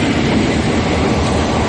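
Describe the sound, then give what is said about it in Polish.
A train rolls steadily along the rails, a loud, continuous rumble with dense low-end texture and no pauses, filling the whole short moment without any voices. “Spóźniony pociąg.”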